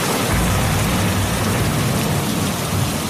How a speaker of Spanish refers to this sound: A ver, bueno, vaya, pues o es una tormenta muy repentina o es que llega Elsa Ruiz para hablarnos de cine de terror.